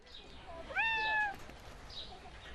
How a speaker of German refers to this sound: Miau. Die Besucher, die hier eine Extraführung durch den Auer Tiergarten bekommen, kennen den Ruf.